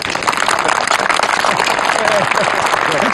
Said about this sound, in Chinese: 最后啊，让我们以热烈的掌声欢迎我们的特殊功臣友军同胞们。